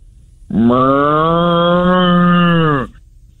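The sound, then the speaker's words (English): A single long, loud moo, a person imitating a cow, held steady for over two seconds with a deep, buzzing, harmonic tone that rises slightly at the start and drops off at the end. “I was just saying today, we need to get the sound effect for cows, I think.”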